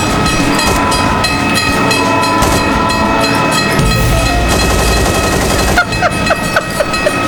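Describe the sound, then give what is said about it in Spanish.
A train rolls loudly on its rails, a dense continuous rumble with rhythmic metallic clatter of wheels over track joints, no voices. “Ya tienes trenes en el Garden.”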